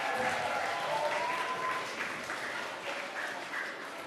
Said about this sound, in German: Einen kräftigen Applaus für die Goldabzeichen.